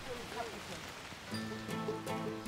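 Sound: rain falling on surfaces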